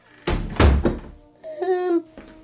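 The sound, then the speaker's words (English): A door is shut with a couple of heavy wooden thuds and a rattle, followed by a brief squeaky, tonal creak before a final soft knock. “shut the door then, Alf, before the neighbours send for the yellow van”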